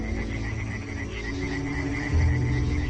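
chorus of frogs calling

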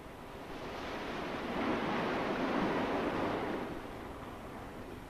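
sea waves

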